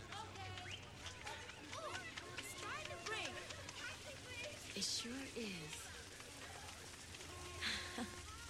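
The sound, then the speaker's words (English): A rain sound effect in a song intro: steady rainfall hisses throughout, a dense, even wash of patter. Scattered chirping, bird-like calls and faint murmured vocal sounds rise over it at moderate loudness. “Let's go in the rain for a minute.”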